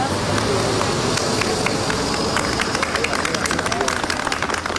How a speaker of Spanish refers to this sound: Sonido de su llegada al hospital, donde eran recibidos entre aplausos por un grupo de personas.